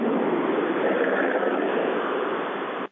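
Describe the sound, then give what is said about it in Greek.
A loud, steady roar of firefighting helicopters flying overhead while putting out fires, a dense, unbroken rumbling wash that holds level for about three seconds before cutting off abruptly, with no voices. “Καλησπέρα, αλλά μερικές φορές δεν ακούω καλά, περνάνε πάνω τα ελικόπτερα, συνεχίζουν να σβήνουν τις κεφτίες.”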